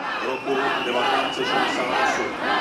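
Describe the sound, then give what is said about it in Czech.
A crowd whistles and shouts at Chamber of Deputies chairman Tomio Okamura of SPD in a steady, dense roar, with shrill rising and falling whistles cutting through overlapping yells and jeers throughout. “Pískotu a pokřiků se pak zase v opačném gardu dočkal předseda sněmovny Tomio Okamura z SPD.”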